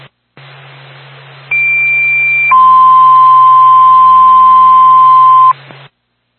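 A radio dispatch paging alert for the Littleton Fire Department, ahead of a call to 70 Reddington Street for a possible sprinkler alarm activation: a steady high tone for about a second, then a lower sustained tone lasting several seconds, loud and clear over a constant band of radio static and low hum.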